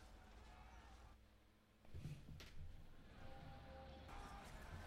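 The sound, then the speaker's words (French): A horse whinnies faintly, a thin wavering call rising over a low, rumbling background hum. “Ouais, j'entends des hennissements de Pas très cheval. fort.”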